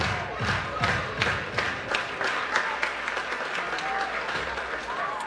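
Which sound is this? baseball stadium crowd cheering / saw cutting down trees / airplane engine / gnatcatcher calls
baseball stadium crowd cheering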